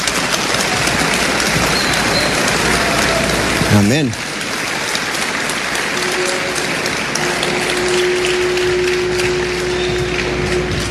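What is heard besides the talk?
audience applauding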